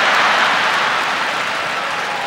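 A crowd claps steadily and densely, a loud wash of applause that holds at nearly the same level for a couple of seconds, with no voices rising above it.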